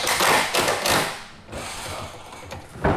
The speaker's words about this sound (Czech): Místo houslí nebo klavíru se barokní zahradou Českokrumlovského zámku ozývají zvuky kladiv a vrtaček. V prostorách letní jízdárny se teď dolaďují poslední detaily před zahájením programu Festivalu Krumlov.